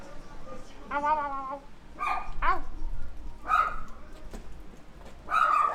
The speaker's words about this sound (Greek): Σκυλί!